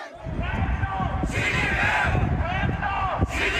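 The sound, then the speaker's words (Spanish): A crowd of protesters outside the presidential residence, with banners and placards, shouts its rejection of Chinese president Xi Jinping in a steady, dense roar of overlapping voices, with no pauses, and louder surges of yelling rise and fall throughout. “Con gritos, pancartas y carteles, grupos de manifestantes expresaron su rechazo al presidente chino.”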